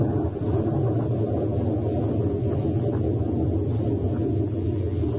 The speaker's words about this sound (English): Listen to that rain on the roof.